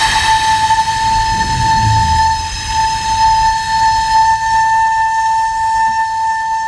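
An ancient flute, blown by a flautist, holds one steady, fairly high note for several seconds, a pure whistling tone with soft breathy noise underneath and no other sounds.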